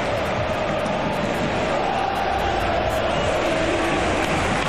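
A large stadium crowd at a football match with Barcelona leading 0-3 roars and cheers in a dense, continuous wash of noise that holds at a steady, fairly loud level for several seconds, with no clear individual voices.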